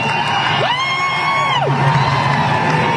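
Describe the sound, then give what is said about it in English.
A big concert crowd roars in a steady wash of noise, some people chanting "USA" and others booing, while one long drawn-out shout swells above the din and then drops away. “Some people start chanting USA.”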